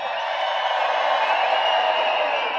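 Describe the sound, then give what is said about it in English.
A huge festival crowd cheers and screams in one continuous, loud roar, a dense wash of voices that holds steady for a few seconds without dropping off. “You guys truly are one of the craziest crowds in the whole wide world. Make some noise for yourselves.”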